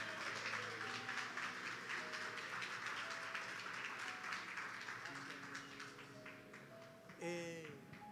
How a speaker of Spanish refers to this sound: Den un fuerte aplauso al Señor.